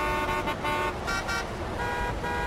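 Car horns blare over a dense roar of traffic outside a school, sustained horn tones overlapping with short bursts as vehicles rush past, loud and continuous throughout.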